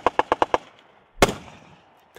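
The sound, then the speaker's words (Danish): A rapid burst of five sharp gunshots, then a pause before a heavier bang that echoes and rolls away outdoors, followed by another shot at the very end, from Danish and Polish soldiers in the NATO exercise Baltic Shield, training to set up rocket systems at various places on Bornholm. No voices. “På Bornholm kan man rundt omkring høre skud og brag i de her dage.”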